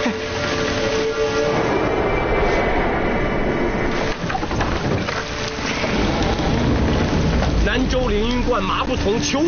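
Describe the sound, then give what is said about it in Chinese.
Heavy rain pours down in a steady, dense roar that fills the whole clip without letting up, with a faint voice-like murmur surfacing near the end. “过路人遭此大雨投诉”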